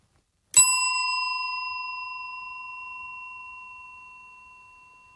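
A single bright bell is struck once, ringing out with a clear metallic tone that sustains and slowly fades over several seconds, heard alone with no talking.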